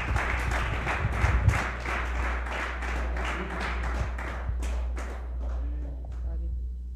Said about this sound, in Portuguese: Aplauda ao Senhor.